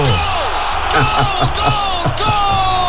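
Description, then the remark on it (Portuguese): A loud, drawn-out goal celebration shout, one voice bellowing over a roaring, cheering crowd, with steady thumping beats underneath throughout. “Muito bem, depois desse grito de gol aí,”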